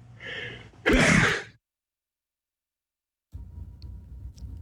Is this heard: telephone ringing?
no